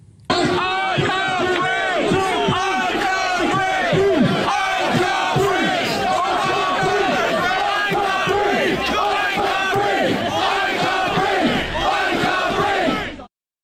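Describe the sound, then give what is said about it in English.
A large crowd of protesters outside Southampton Police Station shouts the chant "I can't breathe" in unison, the loud rhythmic phrase repeating steadily for over ten seconds, many voices overlapping into a dense roar. “So they're shouting, "I can't breathe, I can't breathe," which, as we all know now, are some of the final words of Henry Novak”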